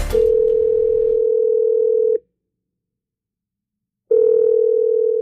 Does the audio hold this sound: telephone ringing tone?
yes